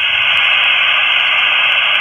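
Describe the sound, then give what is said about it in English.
Steady, loud hiss of open static from a VHF radio with no signal and its squelch removed, a continuous rushing noise like white noise, with a few faint brief ticks high up; no voices. “that's just taking a VHF radio with no signal, removing the squelch, and that's basically, that's almost white noise”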